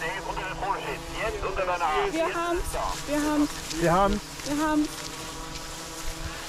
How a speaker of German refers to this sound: Oh, ist ja windig.